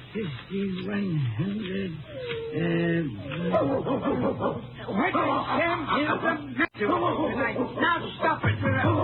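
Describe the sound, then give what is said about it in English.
A dog named Rags whines and whimpers nervously, its drawn-out, wavering cries broken up by short, sharp yips. The sounds are fairly loud over a low background hum. His owner is counting a large sum of money in Cranston, Texas. “As he was counting, his dog Rags appeared to be nervous.”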